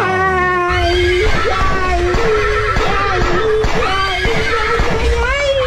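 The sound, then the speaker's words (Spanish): A loud, close horse whinny rises and wavers in pitch for several seconds, over a dense layer of low rumbling and thudding sounds. “Ahora trépese al caballo y echando bala.”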